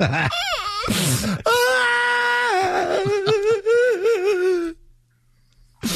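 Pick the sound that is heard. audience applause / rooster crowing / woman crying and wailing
woman crying and wailing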